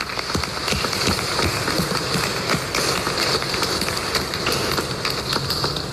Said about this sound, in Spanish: Así que le damos un aplauso al padre Eugenio.